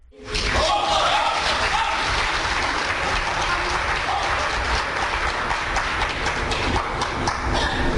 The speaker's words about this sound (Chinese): 小楼跟您，咱们掌声请出这二位。